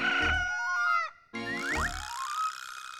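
A rooster crows twice in quick succession, loud, each call a bright, strained cry with sliding pitch and a short gap between them. No one speaks.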